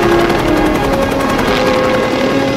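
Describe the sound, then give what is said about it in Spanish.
A helicopter flying overhead over the ocean, its rotor blades thudding in a rapid, steady rhythm over a loud, continuous engine roar and a faint whining hum, with no voices. “Un helicóptero sobrevuela el océano.”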